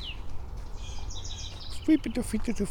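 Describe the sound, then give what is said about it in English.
Faint, high birds chirping and tweeting in short bursts over a steady low rumble of wind in the trees outdoors on a clear, sunny day of about 62°F (16°C). “We got birds.”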